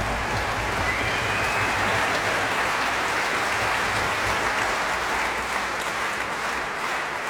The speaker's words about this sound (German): Begeisterter Applaus für die Bamberger Symphoniker und ihren Ehrendirigenten Manfred Honeck.